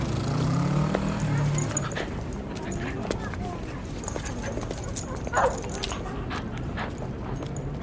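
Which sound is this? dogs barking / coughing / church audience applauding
dogs barking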